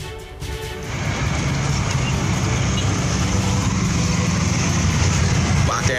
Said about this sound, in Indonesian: Kamera milik warga merekam detik-detik sebuah truk ekspedisi terbakar di ruas tol Seragen Ngawi, kilometer 534. Api dengan cepat membakar habis badan truk beserta ribuan paket yang ada di dalamnya.